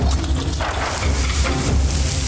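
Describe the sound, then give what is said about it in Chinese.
Cured pork sizzles steadily in a pan, a dense, even hiss of crackling fat with fine popping throughout, holding a constant level under a low rumble, with no voices. “腊肉滋滋缠人”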